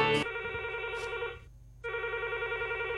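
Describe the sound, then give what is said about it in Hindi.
A telephone rings for the first incoming call of a film-music call-in program, a steady electronic tone in two bursts separated by a short silence, loud, with no voices over it. “तो फिल्म संगीत पर आधारित ये कार्यक्रम का सिलसिला हम शुरू करते हैं पहले फोन कॉल के साथ।”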